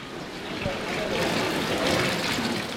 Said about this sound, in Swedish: Jag går ut i simhallen